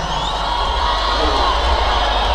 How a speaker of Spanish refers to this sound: un fuerte aplauso.